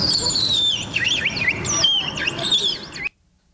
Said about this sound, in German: Und jetzt hören wir Vogel Nummer 3. Das ist der Fitis. Und nochmal.